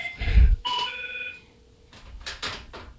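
A telephone rings with an incoming call, a short bright electronic ring tone with a steady, held pitch, framed by a dull thump before it and a couple of brief rattling bursts after.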